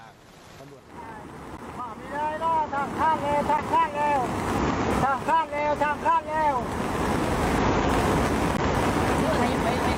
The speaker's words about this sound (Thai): นี่น้ำกระแสน้ำเชี่ยวมากๆเลยนะครับช่วง สถานการณ์น้ำท่วมบนถนนเพชรเกษมนะคุณผู้ชมครับเส้นทางระนองกับพังงาจุดนี้เนี่ยมีการก่อสร้างสะพานราวนอนกันอยู่คุณผู้ชมคือน้ำเนี่ยมันไหลเข้าท่วมพื้นผิวการจราจร